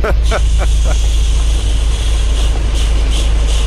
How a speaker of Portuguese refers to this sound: É só isso? É só isso. É o som da chuva na boleia do nosso ouvinte, ó.